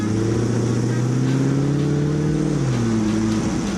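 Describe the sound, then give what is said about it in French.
A car with 450 horsepower and weighing 800 kg revs hard and accelerates in falling snow in Annecy, its loud, throaty drone climbing in pitch, dipping briefly as if shifting gear, then pulling up again. No voices. “Ça vrombit, c'est juste du grand n'importe quoi.”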